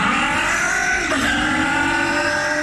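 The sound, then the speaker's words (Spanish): A motorcycle engine revs loud throughout, a steady buzzing roar with rich harmonic whine that briefly surges and dips in pitch midway before holding steady, with no voices. “Logra más potencia en tu moto.”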